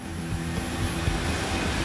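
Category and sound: vehicle, jet airliner engines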